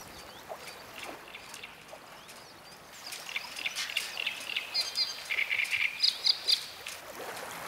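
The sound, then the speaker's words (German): A small bird sings from a boat mast in the harbour of Mardorf on the Steinhuder Meer, a lively, high-pitched song of rapid chirps and trills, growing louder and busier in the second half over a soft background hiss, with no voices. “Ein Bootsmast im Hafen von Mardorf ist als Bühne nicht zu schlagen.”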